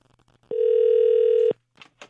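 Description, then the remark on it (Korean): A steady, clear electronic telephone ringback tone sounds for about one second, fairly loud, as a Far East Broadcasting radio host phones a listener's friend, with faint low background noise before and brief soft sounds after it. “우리 친구분에게 전화 한번 해볼게요.”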